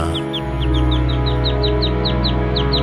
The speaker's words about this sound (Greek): Τα πουλάκια είναι μέσα στη μουσική. Όχι, αλλά εμένα μ' αρέσουν.